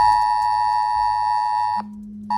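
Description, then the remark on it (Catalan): A loud mobile phone emergency alert tone, sent to announce the government lifting restrictions in Penedès, Baix Llobregat, Barcelonès, Garraf and other areas: a harsh, steady electronic two-pitch drone blaring continuously, briefly dropping to a low hum before the shrill tone resumes. “hem sentit també, com nosaltres, perquè probablement, segur, vaja, haurà sonat en el seu telèfon mòbil aquest so.”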